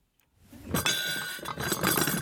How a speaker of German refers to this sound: stellt weißes Geschirr mit Goldrand auf eine Ablage aus Pappe.